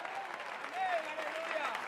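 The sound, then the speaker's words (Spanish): An audience applauds the Lord in a steady, dense wash of clapping that stays fairly even throughout, with a few voices calling out over the claps. “Dale fuerte ese aplauso siempre al Señor, a su nombre.”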